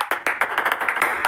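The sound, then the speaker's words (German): A table tennis ball taps out a message in Morse code, a quick, uneven run of about ten crisp clicks with short and long gaps mixed, with no voices. “Dann interessieren Sie sich entweder für Morse-Tischtennis oder es liegt daran.”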